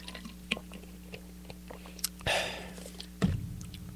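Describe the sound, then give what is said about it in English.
Someone drinks iced tea from a plastic water bottle, with small handling clicks, a brief sloshing gulp, and a soft swallow near the end. No one speaks. “Yeah, the best thing to do is just, you know, drink water from water bottles, like the one I have now.”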